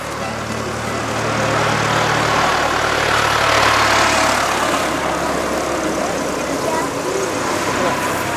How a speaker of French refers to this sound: parce que le tracteur qui arrive là.